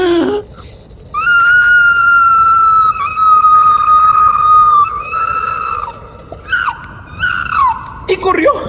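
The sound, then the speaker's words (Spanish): A person imitates an opossum's loud scream of pain: a long, high, steady wail held for several seconds, then a few shorter wavering, strained cries. “Y el tlacuache pegó un fuerte grito de dolor, más o menos así.”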